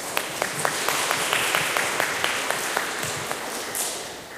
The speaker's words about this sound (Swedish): Stor applåd.